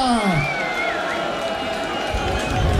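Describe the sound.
An audience cheers and applauds in a dense, steady roar that holds for a few seconds, with voices shouting and a brief whistling tone gliding over the noise.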